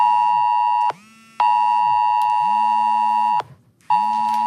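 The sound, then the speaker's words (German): A loud, harsh AT-Alert emergency warning tone on a mobile phone, sounded just before 12 noon as the first signal of a civil protection test alarm, blares in repeated long bursts with brief gaps, a steady high buzzing pitch layered over a lower warbling sweep. “Dieses Geräusch wird Ihr Handy gleich machen.”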